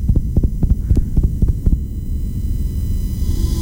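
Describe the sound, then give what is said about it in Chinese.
A fast, thumping heartbeat, that of a nurse after being shouted at, threatened and grabbed, pounds in evenly spaced beats for under two seconds, then stops, leaving a low, steady hum droning on alone. “这是一位护士被大声吼叫，威胁，甚至被抓住之后的心跳声”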